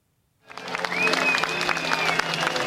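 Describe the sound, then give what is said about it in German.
A crowd of several thousand people on a public square in Athens, Greece, applauds steadily as former Greek prime minister Alexis Tsipras steps before them shortly before 9 pm local time at a founding event: a dense, continuous wash of clapping rising quickly after a brief silence and holding loud and even, with a faint whistle and murmured voices. “Unter anhaltendem Beifall trat kurz vor 21 Uhr Ortszeit Alexis Tsipras vor sein Publikum.”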